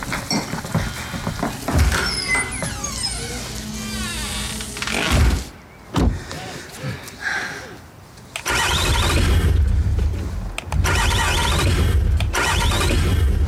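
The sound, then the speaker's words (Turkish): A car engine cranks repeatedly without catching, the starter grinding in loud bursts with brief pauses, while voices speak over parts of it. “Sorun ne? Araba çalışmıyor.”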